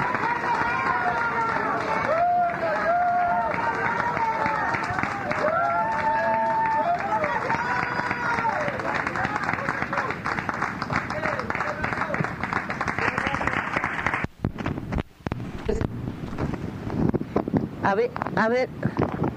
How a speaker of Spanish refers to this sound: Fuerte aplauso al Señor, hermanos. Gloria a Dios.